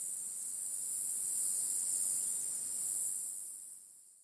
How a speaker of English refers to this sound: Cicadas have a special organ called a timbal that makes sound. The timbal has special ridges that make loud noises when a cicada bends in a certain way. Cicadas are very noisy.